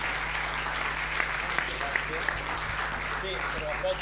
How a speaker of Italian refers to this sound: Eccoci qua, un applausone alle pubbliche assistenze.